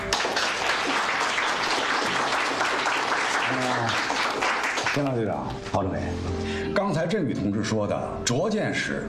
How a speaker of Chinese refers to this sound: 你们就是英雄，为你们鼓掌。